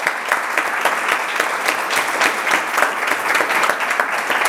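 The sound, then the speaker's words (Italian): A crowd applauds steadily and fairly loudly, dense overlapping claps sustained for several seconds with no voices on top. “facciamo un applauso.”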